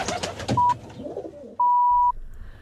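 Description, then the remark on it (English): A rock pigeon (Kiriru Arupare) gives a soft, low cooing call over a brief stretch, partly overlapped by two clear electronic beeps, one short and one longer, on RNZ National radio, with no talking. “Kiriru Arupare, the rock pigeon, RNZ National.”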